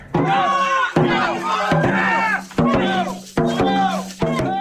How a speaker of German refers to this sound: Am Samstag findet das größte Drachenbootrennen Mittelhessens auf der Lahn statt. Überall stehen begeisterte Zuschauerinnen und Zuschauer und feuern die verschiedenen Teams an. Das klingt dann in etwa so.